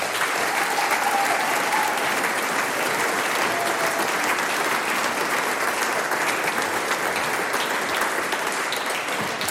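A large audience claps steadily and loudly for the whole stretch, a dense, even wash of applause with no pauses and no voices standing out.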